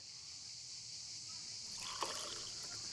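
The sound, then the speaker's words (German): After a moment of steady background hiss, about 2 cl of pastis is poured into a glass, before the water and ice: a short gurgling trickle with bubbly splashes that continues to the end. No one speaks. “Zuerst den Pastis.”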